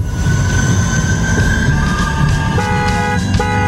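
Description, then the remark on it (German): A tram rolls past, its wheels grinding with a steady rumble and high, shifting metallic squeals that rise and change pitch throughout. “Welche Tram bist du? Wow, wow. Ja, das ist mein krasser Opener, den ich dir noch gezaubert habe in 5 Minuten.”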